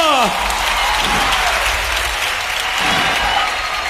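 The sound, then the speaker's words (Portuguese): A church crowd on a sports court applauds loudly and steadily to the Lord, dense clapping filling the whole stretch, with faint voices and shouts rising and falling underneath. “aplaudem forte ao Senhor.”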